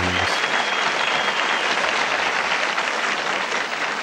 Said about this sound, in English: I always, when I play that song, I forget that it's live and they're all clapping at the end.